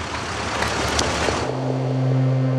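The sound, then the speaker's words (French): The engine of Blum's car, caught in a jam of pedestrians attending the funeral of Jacques Bainville, starts with a broad rushing noise that settles into a steady, low idling hum with no talking. “Et, fatalitas, sa voiture est prise dans un embouteillage de piétons.”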